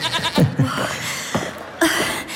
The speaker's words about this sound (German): ich glaube, da kommt sie schon. Ja, man hört das Meckern der Ziege.